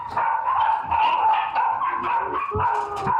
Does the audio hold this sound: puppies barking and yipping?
yes